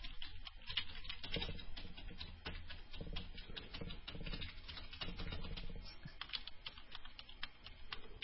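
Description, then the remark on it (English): Two people typing on computer keyboards at once, a dense, uneven clatter of overlapping key clicks that runs steadily for several seconds with no talking. “So you both start typing at the same time.”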